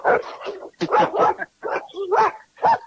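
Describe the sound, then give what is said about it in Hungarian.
Dogs bark loudly, a rapid, irregular run of about half a dozen sharp barks with short pauses between them, some slightly whiny. “És közben itten kutyák vannak.”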